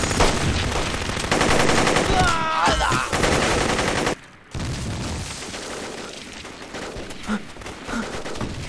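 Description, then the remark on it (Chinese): Dense, continuous gunfire with rapid machine-gun bursts rattles loudly for several seconds, broken by a brief sudden silence before the shooting resumes, punctuated by sharper cracks and a whistling sound. “有枪炮声，你看，打仗。”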